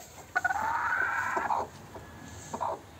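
A broody hen gives a drawn-out, agitated clucking call lasting over a second, followed by a shorter, softer cluck, in a quiet setting with no talking.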